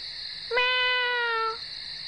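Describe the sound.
A single drawn-out meow call given as a signal, steady and fairly clear, lasting about a second before cutting off, heard alone over a quiet background with a faint constant high hiss.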